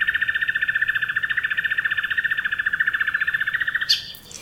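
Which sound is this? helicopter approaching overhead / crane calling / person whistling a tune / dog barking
crane calling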